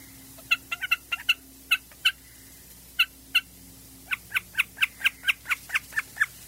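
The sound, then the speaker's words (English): A common snipe calls in sharp, clipped notes, scattered at first and then settling into a quick, steady run of repeated calls, clear over a faint low hum. “Well, a snipe is one of these birds that everybody's heard, and I think most people probably don't know what the sound is coming from.”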